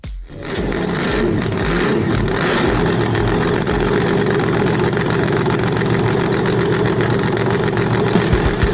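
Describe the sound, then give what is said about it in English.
A loud, heavy vocal impression of a monster-truck engine roars steadily for several seconds, a deep rumbling growl that holds constant after a brief start, with no talking over it. “You got a call for me to hear your impression, or you can use the app, hit the open mic feature, but give me your best impression of a monster truck.”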